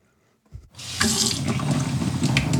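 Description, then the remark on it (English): A faucet turns on after a brief silence and tap water gushes steadily and loudly, a continuous hiss and splash that runs without a break to the end, in a town in southeastern Ohio. “A town in southeastern Ohio has been struggling with dirty, expensive tap water since last summer.”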